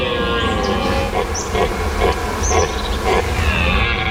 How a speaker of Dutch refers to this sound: En nog steeds zijn er beurlende herten te horen. En dat is elk jaar rond deze tijd.